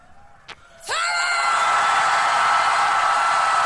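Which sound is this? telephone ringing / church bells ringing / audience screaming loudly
audience screaming loudly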